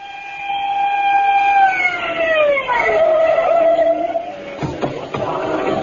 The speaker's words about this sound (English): The screaming siren of Lieutenant Edwin Grounder's squad car broke the silence of the night as it pulled to a stop in front of a rooming house on Main Street, where, despite the lateness of the hour, a sizable crowd had gathered.